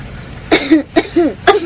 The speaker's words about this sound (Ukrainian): закривай ротку, не кашляєш. Віруси вилітають.